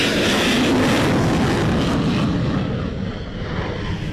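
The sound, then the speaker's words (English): An F-16 fighter jet from Thailand roars loudly on takeoff for a military exercise, a dense, rumbling blast of engine noise that stays strong throughout, its hissing top end fading slightly as it pulls away. No one speaks. “Okay, this particular batch are the F-16s from Thailand.”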